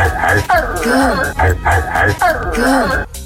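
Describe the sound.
A man's voice imitates a dog barking in two repeated, drawn-out vocal bursts with rising and falling pitch, loud, with nothing else audible.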